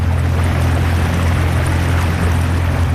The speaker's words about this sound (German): Auf dem Sempacher See sind Taucherinnen und Taucher noch bis Anfang November an der Arbeit. Und darum fährt das Boot von der Unterwasserarchäologie schon wieder in See raus.